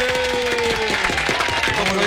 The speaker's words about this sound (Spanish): ¡Bravo! Con ustedes, un fuerte aplauso para